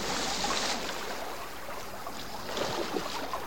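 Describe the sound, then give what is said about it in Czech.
Steady splashing and churning of water as a wolf cub jumps into the water, a broad rushing wash that swells with a few sharper splashes near the end; no voices. “Skočil do vody.”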